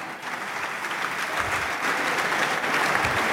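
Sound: applause in parliament chamber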